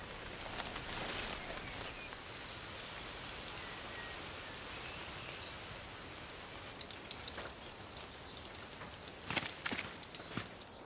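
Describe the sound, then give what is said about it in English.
Steady rain patters onto leaves in a forest, a dense, continuous hiss broken by sharper individual drop impacts, a few louder ones near the end, with no voices. “Rain beats down on the forest, and our poorly concealed fox seems to be listening to the raindrops falling onto the surrounding leaves.”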